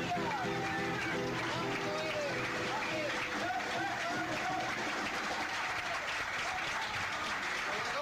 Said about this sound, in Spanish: Fuerte aplauso a Cristo, hermanos. Gloria a Dios.